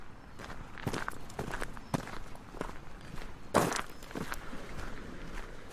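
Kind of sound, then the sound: human body sound, footsteps walking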